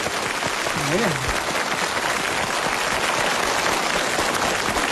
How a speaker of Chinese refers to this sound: 就这个你还给他鼓掌呢？你 姑姑啊，你这个节目主持人看来是不可能了。 可是观众都鼓掌了耶。